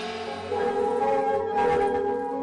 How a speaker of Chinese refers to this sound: 在岩洞镇的广场上，敲锣打鼓，锣声清脆，一片欢歌笑语。原来黎平洞寨的石洞款会正在举行。